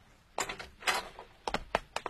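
A door is opened to let visitors in, with a handful of sharp clacks and thumps from the latch and frame, spaced unevenly over a couple of seconds, with no voices.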